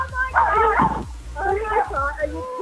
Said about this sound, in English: Is that the dog barking in the background?